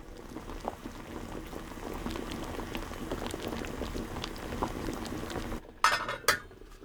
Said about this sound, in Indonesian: Berikutnya kita didihkan potongan yang telah direndam tadi. Masukkan ubi ke dalam panci, tambahkan air hangat secukupnya untuk merendam potongan ubi, kemudian didihkan di atas api sedang.